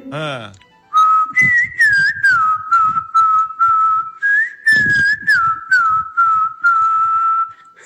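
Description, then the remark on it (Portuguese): A person whistles an imitation of a rufous-bellied thrush's song: a run of loud, short warbling phrases that rise, dip and hold steady, after a brief vocal sound at the start. “Já que você não liberou meu áudio imitando o Silvio Santo, eu vou imitar a Sabiá Laranjeira.”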